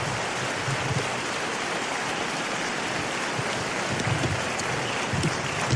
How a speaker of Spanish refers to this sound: Ah, dele ese aplauso a Jesús esta mañana.